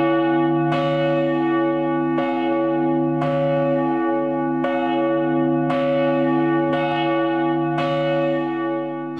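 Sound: large church bell ringing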